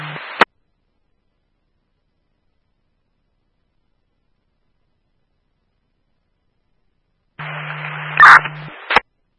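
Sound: radio static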